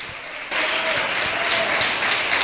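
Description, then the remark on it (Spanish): An audience at an evening church service bursts into steady, loud applause for the Holy Spirit, a dense wash of clapping that swells abruptly after a brief quieter start and holds at full strength throughout. “Dale un fuerte aplauso al Espíritu Santo.”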